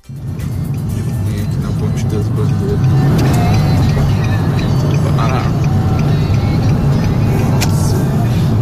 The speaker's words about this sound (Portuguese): Tá bem baixinho o áudio dele, mas ele mostra praticamente uma fila gigante de caminhões, de carros que estão ali indo na pista expressa, né, da marginal do Rio Pinheiros, e tudo muito parado. Ele aponta aqui pra gente que é no muro do Jockey.